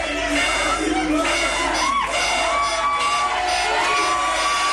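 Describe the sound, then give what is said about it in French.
A big crowd of football supporters cheers loudly and without pause at the final whistle of a match against Portugal, a dense roar layered with shouts, whoops and rising yells from many voices. “Et enfin, le bonheur au coup de sifflet final.”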